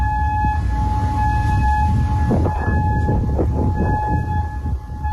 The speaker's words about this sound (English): This was one of the many air raid sirens that echoed across Kuwait today, signaling incoming drones and missiles.